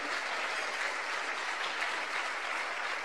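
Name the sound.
audience applauding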